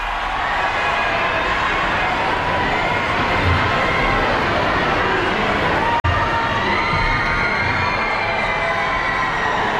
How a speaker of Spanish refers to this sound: El Papa, que ya está ahora mismo en el exterior de la catedral, en el patio de la Seu, en Barcelona. Y ahora sí se puede escuchar los gritos del público que llevaba allí esperándole algunas horas desde esta madrugada.